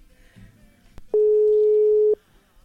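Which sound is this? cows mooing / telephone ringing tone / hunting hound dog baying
telephone ringing tone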